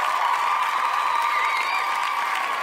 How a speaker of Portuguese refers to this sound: E aí, o seu Raimundo, a Alita, merece aqueles aplausos.